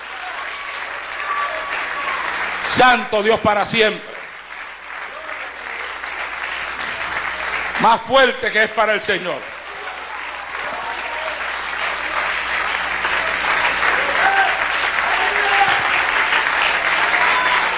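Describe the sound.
An audience claps for Christ in a dense, steady wash of applause that swells louder toward the end, while a man's voice calls out twice over the clapping.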